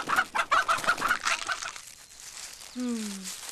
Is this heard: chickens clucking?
yes